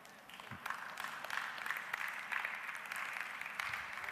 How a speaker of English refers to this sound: Even golf claps are acceptable in the afternoon, so.